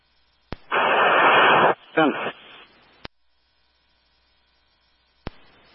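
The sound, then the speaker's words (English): A burst of harsh radio static fills about a second, followed by a short garbled squelch and fading hiss, with sharp clicks of a radio keying on and off before and after. “Last unit all static.”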